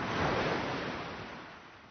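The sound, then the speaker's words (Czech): A wave washes onto the shore with a broad hissing rush, loudest at the start and slowly fading as the water draws back. No voices, just the steady wash of surf. “Co tě tedy táhne pořád sem? Na mořský břeh?”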